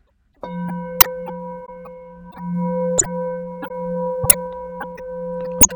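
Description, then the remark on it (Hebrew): A Tibetan singing bowl, being demonstrated, sustains a steady, humming drone with shimmering, layered overtones, broken by four sharp metallic taps spaced a second or so apart. Clear, with no talking. “טוב, וכמובן גם על הקערות טיבטיות, הם בעצמם סוג של גיור מאכל. אני אדגים לכם שנייה.”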